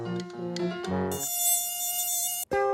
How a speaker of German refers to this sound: ein simples offenes Fenster zum Einfallstor für summendes Übel. Mücken und anderes fliegendes Kleingetier.